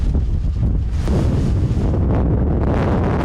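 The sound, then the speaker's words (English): Force 11 gale wind during wildfires roars and buffets the microphone continuously, a loud, dense rumble with gusty surges and no speech. “And with winds hitting force 11, tackling the flames has become terrifyingly dangerous.”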